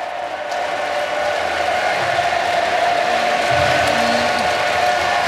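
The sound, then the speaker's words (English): A big crowd of Sydney supporters at the SCG chants together in a loud, steady roar as the players go around the ground, with sustained sung notes rising out of the din toward the end. No one speaks over it. “Sydney chants, incredible.”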